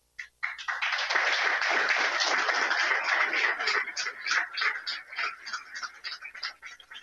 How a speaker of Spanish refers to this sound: Yo los nombro y los que estén van pasando, así reciben el aplauso y ya conocen a quienes van a estar representando a Urupán.